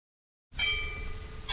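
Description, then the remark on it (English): After a moment of silence, a single church bell strike rings out at 12 o'clock in the daytime, with bright, sustained metallic overtones that hang and slowly fade over a low background rumble. “What did I hear at 12 o'clock in the daytime? Church bell ringing.”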